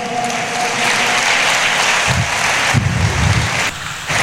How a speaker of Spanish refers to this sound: Denle fuertes aplausos al Señor esta noche.